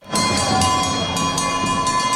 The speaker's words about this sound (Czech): Za Kanadu nastoupil Sidney Crosby a přivítal ho na stadionu i zvuk, který z NHL tak úplně nezná. Kravské zvony.